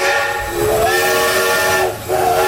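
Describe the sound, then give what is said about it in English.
A loud steam locomotive whistle sounds a sustained chord over a steady roar of hissing steam, dipping briefly near the end before blasting again. “Experience the power and spectacle of steam at the Thirlmere Festival of Steam.”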